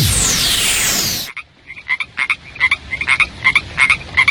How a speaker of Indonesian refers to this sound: Pada musim hujan, biasanya sering kita temui katak dan juga kodok. Tapi tahukah kamu perbedaan kedua hewan amfibi tersebut?